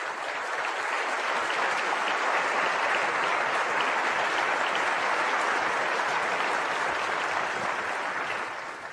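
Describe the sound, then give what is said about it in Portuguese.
Steady, sustained applause from an audience for the actors fills the whole stretch, a dense wash of many hands clapping at an even loudness, easing slightly only at the very end. “Então, feito todas essas menções, por favor, vamos condensar em um aplauso a todos esses atores.”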